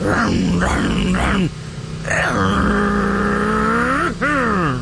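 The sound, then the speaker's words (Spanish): A voice imitates a man speeding on a motorcycle: three quick rising-and-falling growls, a brief pause, then a long sustained engine drone that climbs in pitch, ending with a sharp final rev. “Imagínense al compadre, pero pisándole a la moto.”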